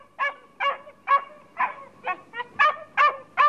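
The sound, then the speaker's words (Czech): A dog aboard a stranded shipwreck barks eight times in a quick, steady rhythm, each bark short and fairly loud, with no one talking. “Ty můj pejsku! Tak přece jenom tu nejsem sám.”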